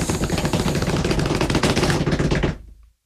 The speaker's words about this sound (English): Tonight's joke, drum roll, please.